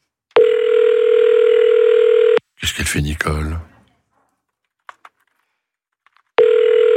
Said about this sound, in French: Quatrième sonnerie. Vous êtes sur la messagerie. Pas de bol.